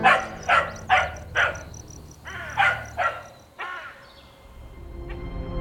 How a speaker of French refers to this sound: Le vert tendre des feuilles, les coccinelles rouges, ah, les roses, et le chien qui aboie.